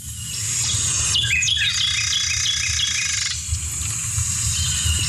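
A Carolina Wren sings bright, rapid, repeated whistled phrases, with other bird chirps mixed in over a steady low rumble and no talking.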